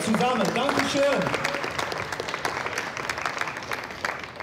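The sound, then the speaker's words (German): A crowd breaks into steady applause as a panel is called up onto the stage, dense overlapping claps that stay fairly loud for several seconds, with a voice briefly talking over the opening moments. “Eine Runde Applaus bitte, kommt alle auf die Bühne.”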